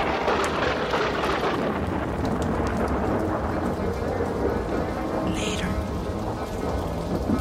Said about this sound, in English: Outside, a storm comes up.